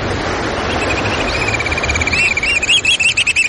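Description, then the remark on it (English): Black oystercatcher piping call on a rocky shoreline on the Pacific coast: a rapid series of sharp, high whistled notes that starts faint and builds to a loud, excited run over a steady roar of surf. “We're crouching on a rocky shoreline on the Pacific coast, hearing the piping call of the black oyster catcher, a stocky black bird with bright red eyes and a stout orange-red bill perfectly suited for jabbing limpets and mussels.”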